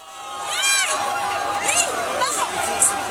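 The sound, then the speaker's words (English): Cheering from a crowd of several hundred Spaniards very early in the morning: a dense, continuous roar of many voices with rising whoops and high shouts bursting out above the steady babble throughout. “That's cheering from a crowd of several hundred Spaniards very early this morning.”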